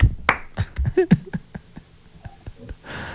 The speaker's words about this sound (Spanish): Todos estamos aplaudiendo.